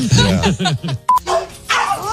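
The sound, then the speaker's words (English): A human voice imitates a dog named Larry growling and attacking other dogs, letting out a quick series of loud barks and yelps, broken by a brief pause and a short electronic beep. “And that dog started growling and going nuts and attacking the other dogs.”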